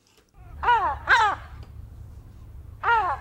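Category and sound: bird, herring gull calling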